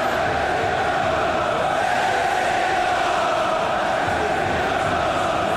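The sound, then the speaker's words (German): A dense, steady roar of a football stadium crowd at the Betze during a derby with Karlsruher SC, loud and unbroken, with many voices blending into a continuous wash of chanting and cheering and no single speaker standing out. “So, und wir lauschen nochmal dieser atemberaubenden Atmosphäre.”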